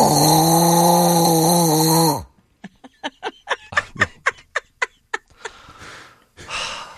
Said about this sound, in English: the original noise that my wife makes when she says her ear and throat itches